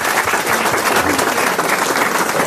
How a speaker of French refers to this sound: On peut l'applaudir, mademoiselle.